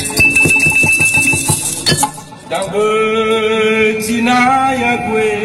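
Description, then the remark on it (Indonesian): A veta batu, a stone instrument made of a set of stones that produce specific notes, plays a quick run of struck, clinking notes with a bright ringing overtone, then settles into steady, resonant sustained tones that hum on for several seconds. “Veta batu adalah alat musik yang terdiri dari sejumlah batu yang dapat menghasilkan nada tertentu.”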